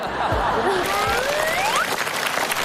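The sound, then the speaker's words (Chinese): Dense, steady audience applause at a xiangsheng (crosstalk comedy) show fills the whole stretch at an even level, with a few rising whistle-like cheers gliding up through it and a faint murmur of laughter. “谢谢大家热烈的掌声。”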